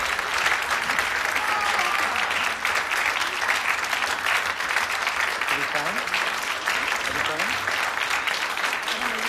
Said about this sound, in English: Applaudissements.